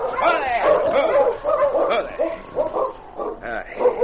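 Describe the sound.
A pack of sled dogs from a two-man dog team barks, yips and whimpers nonstop, their excited voices overlapping in a loud, restless chorus. The team has stopped near a small cabin at the edge of Deer Creek in thick snowfall after dark.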